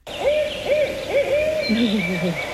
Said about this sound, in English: So this first one is the barred owl. It sounds like, who cooks for you? Who cooks for you?